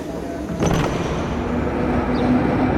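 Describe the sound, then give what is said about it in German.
A tram rolls steadily along its rails, heard from inside by a rider, a continuous low rumble with a faint motor whine and a brief metallic clank near the start. “ist in die Straßenbahn gestiegen, um eine Antwort auf Nikas Frage zu finden”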